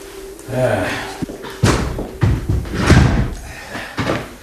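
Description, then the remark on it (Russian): A door, seemingly locked, is rattled and pushed several times but won't give, producing a series of sharp thuds and clatters spread unevenly over a few seconds. “дверь как будто заперта.”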